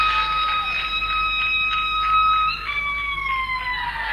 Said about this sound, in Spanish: ¡Eso fue un grito! ¡Esa! Che, fíjate si está viva.